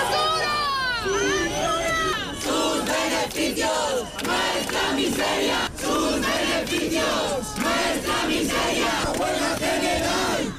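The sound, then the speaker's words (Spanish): A large protest crowd of thousands gathered in front of the Congress in Madrid chants loudly in unison, many voices rising and falling in a steady repeated rhythm, with high shouts piercing the first couple of seconds. “En Madrid, miles de personas han seguido por la mañana el pleno concentradas frente al Congreso, indignados con la votación.”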